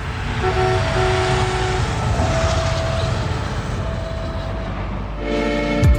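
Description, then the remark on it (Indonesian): A train rumbles past with a steady roar, its horn sounding in long sustained tones over the noise, ending with a louder blast near the end. “Iya dong, jadi masih mau menerobos palang pintu kereta api.”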